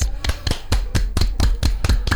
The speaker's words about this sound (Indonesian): Mereka tepuk tangan.